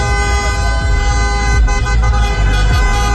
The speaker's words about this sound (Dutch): Maar feest is er bij supporters van Marokko op allerlei plekken getoeter.